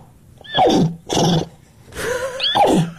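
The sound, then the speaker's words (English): A woman wearing a horse head imitates a horse neigh in a series of four loud whinnying bursts, rising and falling in pitch with brief pauses between them. “That's a woman who identifies as a horse. The horse. Speaking horse language, which she calls nay.”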